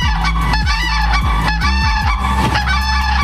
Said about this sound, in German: Die Kraniche leben nämlich meistens in monogamen Dauerehen, die oft sogar schon vor der ersten gemeinsamen Brut geschlossen werden. Ja, das ist gelebte Loyalität und die hört sich dann am Ende so an.